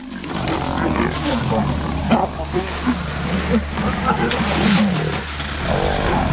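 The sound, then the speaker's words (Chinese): Lions attacking a leopard roar and snarl in a continuous, chaotic commotion, with loud growls layered over rough, scuffling noise for several seconds, as if in a fierce fight. “这群狮子对杀死这只花豹表现得并不积极，它们只是在本能的驱使下觉得应该这样做。”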